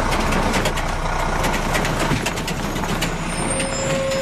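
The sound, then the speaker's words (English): A heavy tractor engine, pulling a trailer at night, rumbles loudly and steadily as it rolls past, with a faint mechanical whine rising near the end and no voices. “Then, a couple of nights per week, a tractor would drive by pulling a trailer behind it.”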